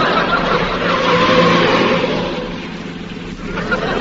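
A car speeding and accelerating, its engine a loud, continuous roar that holds steady for several seconds with a brief dip near the end.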